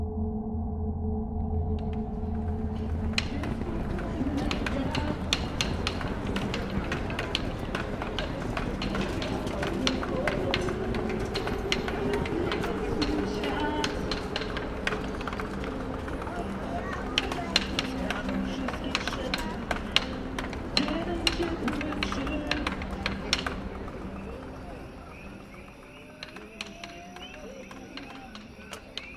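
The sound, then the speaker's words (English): Busy ambience at the entrance of Centrum Metro Station in Warsaw, Poland: a steady crowd murmur with indistinct voices, footsteps, scattered clacks and knocks, and a low continuous rumble, thinning out toward the end. “found listener from Warsaw, Poland, playing nearby sound, Warsaw, entrance Centrum Metro Station Wooden Crate”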